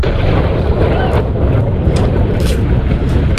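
A deep, sustained rumbling roar from a rocket exploding during a routine engine test at Cape Canaveral, Florida, captured by onlookers on the coast opposite the Cape Canaveral Space Station, with steady wind buffeting the microphone throughout.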